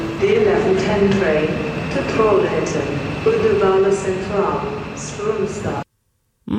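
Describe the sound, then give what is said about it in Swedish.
A reverberant public-address voice makes a train station announcement at Gothenburg Central Station, Sweden, where announcements are also given in English with Swedish place names, over a steady hum of rail ambience, continuous for about six seconds before it cuts off abruptly. “de har kollat på det här med att tågutropen på centralen där har blivit international.”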